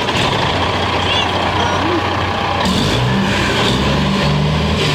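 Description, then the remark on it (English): A Kenworth W900 truck engine starts up, its steady heavy rumble swelling partway through into a deeper, louder roar with rising low tones, continuous. “And this is a Kenworth W900 starting up.”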